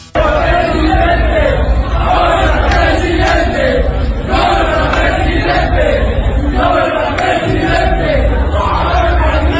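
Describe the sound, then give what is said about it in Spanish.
A large stadium crowd in Mexico shouts and chants "presidente" at Jalisco governor Pablo Lemus, loud and sustained for the whole stretch, with voices rising and falling in a rhythmic, repeated cry. “Le gritan presidente a Pablo Lemus.”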